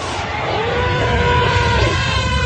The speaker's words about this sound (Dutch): Nou, luister even één keer weer naar het geluid van die film uit 1958. En dit is dus. Ja. Er komen nu de op holgeslagen olifanten.